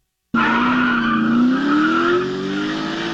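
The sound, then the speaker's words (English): A car speeds through villages in a chase with tires screeching loudly, a sustained high squeal over engine roar that starts abruptly and holds for about three seconds, intense. “Now they're driving through the villages at high rates of speed. I don't know if you have the sound of that, by the way.”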